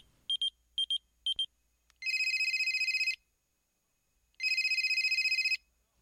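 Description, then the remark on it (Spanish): A telephone rings loud: three quick electronic beeps, then two long trilling rings separated by a short pause, with no voices. “Oye, van como 3 veces que te marco y no contestas.”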